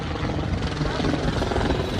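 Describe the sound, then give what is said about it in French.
A helicopter passes overhead above a beach in Long Beach, Los Angeles, on a sunny summer day, with a steady, loud rotor thrum and deep engine rumble filling the whole stretch without letup. “Puis un hélicoptère survole la plage.”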